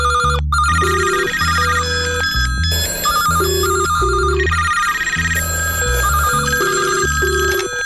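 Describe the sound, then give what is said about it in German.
A telephone rings loudly and continuously with a bright, melodic tone of repeating short notes, filling the whole stretch without any voices. “wer ist am Telefon?”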